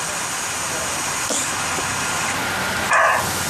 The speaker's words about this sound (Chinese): 这还没脱落呢， 这是个公的，那个， 记得听那叫声，这还第一次录到狍子叫啊。